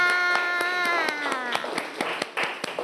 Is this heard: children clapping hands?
yes